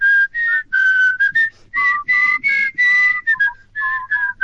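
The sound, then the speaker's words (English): A clear whistled melody from a song, carried in several short flowing phrases with brief breaks between notes, bright and steady, with no talking alongside it. “In fact, I think I hear them whistling right now.”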